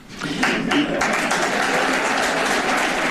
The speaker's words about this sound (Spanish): Aplaudiments per a un Florentino Pérez orgullós del resultat que qualifica d'extraordinari.